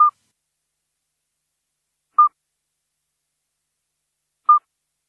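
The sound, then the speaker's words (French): Three short, pure, bell-like piping notes at a steady mid pitch, each evenly spaced about two seconds apart with silence between, the calling of a common midwife toad. “Mais attention, on peut confondre le chant du petit duc d'Europe avec celui du crapaud accoucheur que l'on écoute là.”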